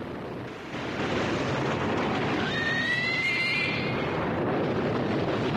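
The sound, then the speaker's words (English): Stormy sea water roars as foaming water gushes over a ship's deck while the ship is buffeted and rocked, a loud, continuous wash that surges after a quiet first second, with a brief high, wavering animal-like cry rising over it midway. “Buffeted and rocked by the stormy sea, foaming water gushes over the deck.”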